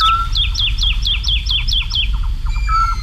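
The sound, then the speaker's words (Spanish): A woodlark sings in the air at about 5 in the morning on a full-moon night over the fields of Daimiel, a quick run of about ten clear, descending whistled notes, then shifts to a softer trill, heard over a steady low background rumble. “Yo no sé si está madrugando mucho o es que trasnocha, pero a estas horas, hacia las 5, 5 y pico de la mañana, una noche de luna llena, en el cielo, colgada en el aire, hay cantando una totobía, la alondra de bosque.”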